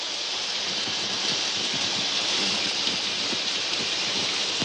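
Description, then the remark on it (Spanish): A steady, continuous hiss of running shower water as a man steps into a nearby shower, bright and even throughout with faint patter underneath, and no voices. “Un hombre entra desnudo en una ducha cercana.”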